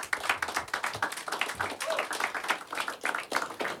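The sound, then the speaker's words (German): Audience applause at the Westküste FM Funkhauskonzert in the radio station's studios in Heide: a steady, dense patter of many hands clapping at a fairly even loudness throughout, with no voices standing out over it. “So früh schon Applaus, das hatten wir auch lange nicht mehr.”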